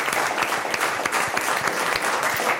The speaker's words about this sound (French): Alors, très bien, on applaudit à nouveau l'effort de notre invité, puisque c'est une mauvaise réponse, mais bravo quand même d'avoir participé.